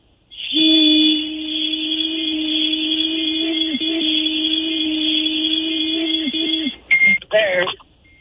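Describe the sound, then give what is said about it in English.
A breathalyzer device, still warming up, emits a long, steady electronic tone for several seconds, fairly loud, then finishes with a couple of quick, choppy beeps. “Wait, it's still beeping. Have you passed yet? It's still warming up.”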